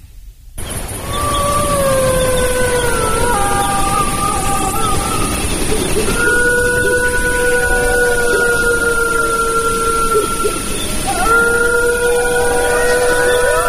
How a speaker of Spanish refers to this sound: Ha sido un placer tenerte, te lo están diciendo una manada de lobos.